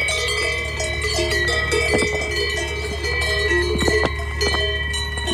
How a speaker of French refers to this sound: Mais non, j'ai choisi de vous parler des cloches des vaches, puisque ce doux son m'a suivi la quasi-totalité des 8 jours passés à pédaler dans les alpages.